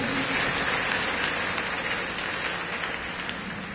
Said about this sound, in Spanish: Demos palmas, hermanos, a nuestra Madre María.